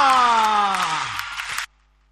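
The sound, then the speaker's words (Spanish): A crowd, with women shouting, claps along with hands raised and cheers loudly with a steady wash of noise, while a high tone slides downward across it; everything cuts off abruptly, leaving near silence. “¡Lo acompañamos todos! ¡El grito de las mujeres! ¡Las palmas arriba!”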